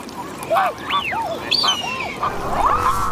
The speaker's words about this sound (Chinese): 乌梁素海是他们在中国最大的繁殖地。同小天鹅一样，它亦是天鹅属鸟类，但因为天鹅有黑色油状突起，所以被称为油鼻天鹅。